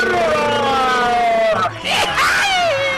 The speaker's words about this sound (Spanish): A ver, un grito bien salvadoreño. Una, dos y tres. ¿Cómo grita El Salvador?